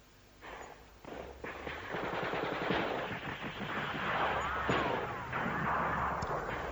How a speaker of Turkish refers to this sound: Bak hala İzmir'den patlama sesleri geliyor.